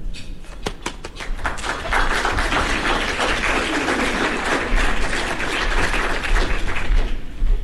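An audience at a food event breaks into steady applause for a Thunderbolts hockey front-office executive, opening with a few sharp separate claps before swelling into a dense, even wash of clapping that holds at full strength throughout.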